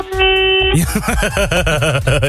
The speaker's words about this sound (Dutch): Ja, we kunnen jou niet aan de telefoon hebben zonder even te vragen hoe de toeter klinkt als jij niet in een woonwijk rondrijdt.